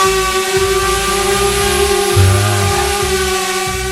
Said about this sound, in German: wer fliegt denn da eigentlich rum mit so einer Drohne? Das ist übrigens das Geräusch, was wir gerade gehört haben